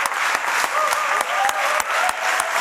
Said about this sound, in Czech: S podobným potleskem a dojetím převzal cenu prezidenta festivalu také americký herec Jeffrey Wright.